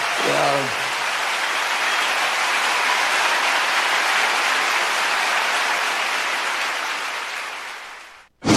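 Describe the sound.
A large audience claps in a dense, steady wash of applause for about eight seconds, loud and close, with a brief voice at the very start before it cuts off abruptly.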